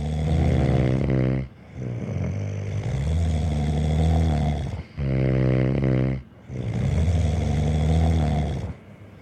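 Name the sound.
loud snoring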